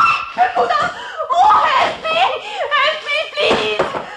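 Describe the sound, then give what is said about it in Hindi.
A woman shrieks in fright at a fat rat, a loud, frantic run of high-pitched, wavering cries that rise and fall over a few seconds, with short breaths between bursts. “मोहतरमा, क्या बात है, आप क्यों चिल्ला रही हैं?”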